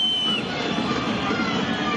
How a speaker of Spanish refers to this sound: Ese es el veredicto de la gente de Racing. El silbido en la tercera fecha del campeonato.